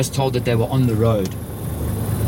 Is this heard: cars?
yes